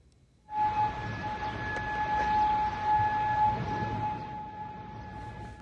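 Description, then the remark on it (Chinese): An air raid warning siren sounding across Kuwait in the morning during enemy missile and drone attacks, a steady, sustained mid-pitched tone that begins abruptly and holds for about five seconds over a loud, rumbling wash of background noise, with no talking. “科威特全国当天早晨响起警报，科威特军方随后在社交媒体上说，如果民众听到爆炸声是科威特防空系统拦截敌方袭击所致，敦促所有人遵守相关部门发布的安全指示。”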